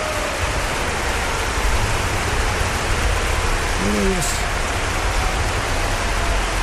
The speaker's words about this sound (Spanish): queremos dar un fuerte aplauso al Señor. Fuerte.